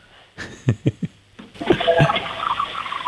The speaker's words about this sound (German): Ja, das hat man leise gehört. Das hat nach einer Klospülung geklungen.